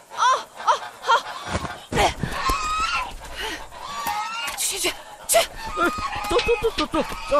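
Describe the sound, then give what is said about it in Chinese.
A crowd of geese and goslings honks noisily and almost without pause, harsh overlapping calls, with shouting voices mixed in as people try to chase them away and get a goose thrown out. “快点把大鹅扔出去了，别死抱着了！”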